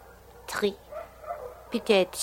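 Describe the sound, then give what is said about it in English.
Dogs bark in the distance below a rooftop in Tangier, two short bursts of yapping about a second and a half apart, moderately loud and slightly echoing against a quiet night background. “Those dogs down there, are they that loud every night, Countess?”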